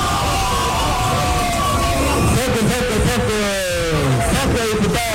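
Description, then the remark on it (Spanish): A large crowd applauds and cheers after a speaker at the microphone announces that Neto Brand is their national coordinator, steady dense clapping mixed with scattered shouts and whoops that rise and fall over several seconds, loud and continuous throughout. “Uno, que ya lo dice abiertamente y todo el mundo aplaude.”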